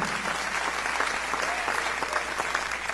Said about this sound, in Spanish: Si ese aplauso fue para el Señor, déselo fuerte para el dador de la vida, para el dador de la gracia, del amor.